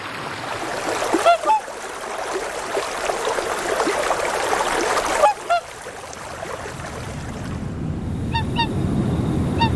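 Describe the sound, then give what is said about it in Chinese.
A migrating flock of geese on Qinglong Lake honk in short bursts, a few calls at a time, over a steady wash of moving water and outdoor ambience. “青龙湖迁徙的队伍没有引起六一的兴趣。湖面上鹅群越来越少。”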